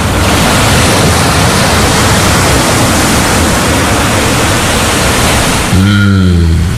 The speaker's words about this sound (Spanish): Qué bien se está en la playa. El mar, las olas, las palmeras, un paisaje bonito.